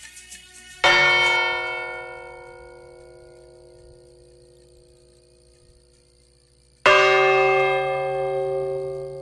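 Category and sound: signal or alarm, church bells tolling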